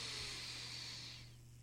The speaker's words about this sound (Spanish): Ahora vamos a sentir la respiración. Inhala.